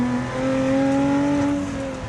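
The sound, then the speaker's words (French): A powerful supercharged 3.5-litre car engine in race mode holds a high, steady whining roar, its pitch rising slightly as it revs, loud with a racing-car scream and no one talking. “A tout de suite, il y a le bruit qui change. Hein. Ça hurle. C'est vraiment typé racing. Voiture de course.”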